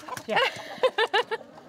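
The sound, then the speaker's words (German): Hens from a flock of 60 cluck: a drawn-out, wavering call followed by a quick run of four short, evenly spaced clucks, fairly loud and clear. “Bei den 60 Hennen taucht der erste Verehrer auf.”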